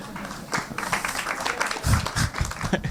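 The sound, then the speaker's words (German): Light, scattered clapping from a small audience at a Prepping for Future event, a patter of claps at moderate volume that rises briefly toward the end without building into full applause. “Weniger Applaus, so wie viele so, Moment mal.”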